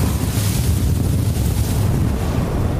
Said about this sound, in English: we've been experiencing the Gobi winds. It's been gusting up to 70 miles an hour all night, and the temps have probably been down to almost negative 50 with the wind chill. We just have to hunker down. We can't film in this.